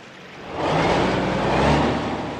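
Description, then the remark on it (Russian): A car's low engine rumble swells as it drives fast through deep water, bouncing and pushing the water aside in two fan-shaped sprays; a broad rushing splash surges up and holds for a couple of seconds, loud, with no voices. “Машина, подпрыгивая, раздвигает в стороны воду.”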